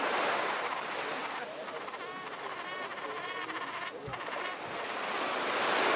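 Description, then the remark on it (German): Steady rushing of sea waves and wind fills the scene, a broad continuous wash that swells slightly at the start and end, with a faint high buzzing drifting through the middle. “Der Wind weht frisch vom blauen Meer, die Möwen rufen kreischend schwer, aus roten Steinen alt und starr.”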